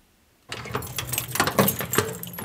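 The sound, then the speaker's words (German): Keys jangle and metal clanks as the heavy cast-iron door of the lighthouse in Lindau is unlocked and pushed open, a series of rattling metallic clicks and scrapes following a moment of silence. “öffnet die gusseiserne Türe zum Lindauer Leuchtturm.”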